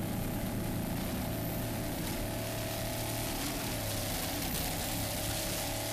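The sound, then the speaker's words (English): The Marine Tech P3-class racing powerboat drones loudly and steadily during a race in Sarasota, Florida, passing the broken-down War Paint boat; a harsh, buzzing roar with rushing wind and water noise, with no one speaking. “You can see they're passing the war paint boat broken down on the course.”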